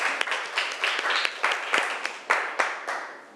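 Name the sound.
classroom applause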